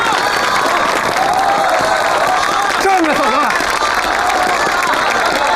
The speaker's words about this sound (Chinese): 所以大家再次以热烈的掌声欢迎她。